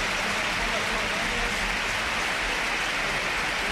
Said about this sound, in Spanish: aplauso generalizado del Sardinero, ¿no? Sí, sí, sin duda alguna. Los campos de sport del Sardinero que se han volcado con Aitor Mañas. Ahora se vaya en camilla el terreno de juego y ahora, mira, así suena el Sardinero, que le aplaude todo el mundo.